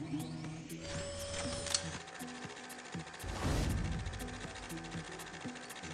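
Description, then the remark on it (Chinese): Mechanical whirring and rhythmic clicking from an automated library rail cart carrying a requested book upstairs to the second-floor service desk, with steady ticks, a rising motor whine, and a louder rumbling whoosh midway before the clatter continues. “对，直接装进去，它就自动关门，然后就把这本书送到楼上去了。”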